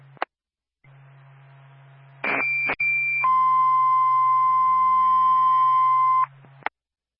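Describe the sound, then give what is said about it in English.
Littleton Fire Department dispatch alert tones crackle over a radio: a short, high, steady tone followed by a longer, lower sustained tone lasting about three seconds, with a low electrical hum underneath, sounded at 9:35 to call a crew out for a patient evaluation. “Littleton Fire Department, stand by for tones.”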